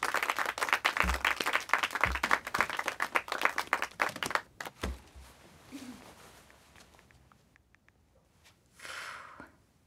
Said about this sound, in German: Einen großen Applaus für die Nächste